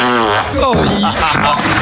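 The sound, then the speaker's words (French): A fake fart sound effect: a loud, buzzy, wobbling blast lasting nearly two seconds, shifting in pitch partway through, prominent with no other sounds around it. “Jusque là c'est des faux, hein, c'est des faux pets.”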